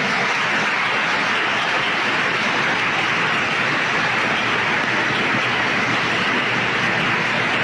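Sustained, dense applause from a large crowd at a Franciscan church service, given for the Virgin Mary: a steady loud wash of many hands clapping with no distinct individual claps, holding evenly for several seconds without any talking.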